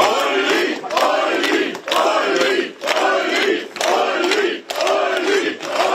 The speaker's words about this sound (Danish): da partiets spidskandidat Ulrich Siegmund stemte tidligere i dag, blev han mødt af klapsalver.